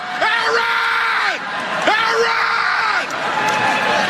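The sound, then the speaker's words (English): A man in the audience at a graduation ceremony lets out two long, loud yells in quick succession, each voice rising, holding, then trailing off, over a steady murmur of a crowd. “I so wish, while he was yelling, that a clamp would have descended from the darkness of the ceiling, like one of those claw games, just right above him”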